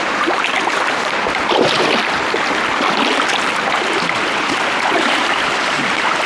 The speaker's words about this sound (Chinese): 水声越来越近了，小分队准备过河。